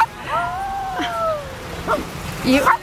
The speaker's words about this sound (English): It's quite insistent, little dog.